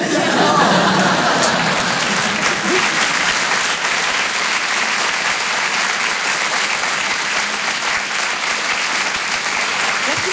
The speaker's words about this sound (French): On peut l'applaudir encore une fois très fort, Elisabeth Buffet, mesdames, messieurs.